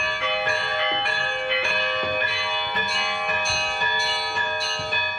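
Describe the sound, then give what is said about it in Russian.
Church bells ring from a church bell tower in an uneven, halting pattern, with irregular strikes layered over a steady sustained ringing tone, as a small local boy still learning to ring the bells tries his hand. Fairly loud, no voices. “Сейчас мы слышим, как на колокольне пробует свои силы маленький мальчик.”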